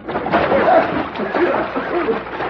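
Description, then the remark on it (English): Steady splashing and sloshing of water in a water trough as a man is made to take a bath in it, continuous for a couple of seconds, with brief muffled vocal sounds mixed in. “Water trough, feet, grab a hole.”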